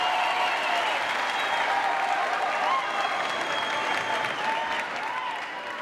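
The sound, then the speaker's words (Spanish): Loud, sustained applause from a large crowd, a dense steady clatter of many hands clapping that holds at full strength for several seconds with faint voices mixed in. “fuerte ese aplauso.”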